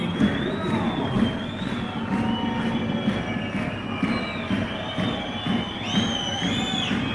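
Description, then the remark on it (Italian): A steady, loud roar of fans fills an old basketball arena during a game, with shrill, wavering whistle-like tones sliding above the din throughout. “Grande tifo sugli spalti, sentite alle nostre spalle un rumore, un frastuono in questo palazzetto abbastanza vetusto.”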